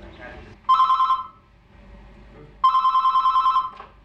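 A telephone at an AIDS counselling info line in Ticino rings twice with a bright, trilling electronic warble, each ring about a second long with a pause between, loud against a quiet background.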